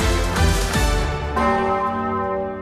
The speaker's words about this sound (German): In einer halben Stunde läutet sie wieder, die große Osanna-Glocke der Martinskirche in Kassel.